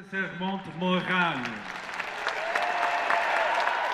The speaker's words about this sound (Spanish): Entre vítores y aplausos, el Papa recorrió Lourdes en papamóvil y visitó a una comunidad de carmelitas en una jornada marcada por nuevas muestras de fervor popular.